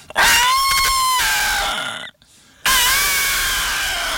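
An elephant trumpets loudly: a long, brassy blare, a brief pause, then a second sustained blast. No one speaks.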